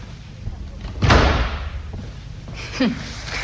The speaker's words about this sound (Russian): Дверь захлопните покрепче.